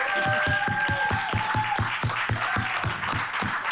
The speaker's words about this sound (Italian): Benvenuti e benvenute al primo dibattito di Fomento 2026. Fateci un applauso perché ne abbiamo bisogno.